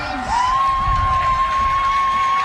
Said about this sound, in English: Rocket crowd cheering them on, trying to get them ready to make a big stop.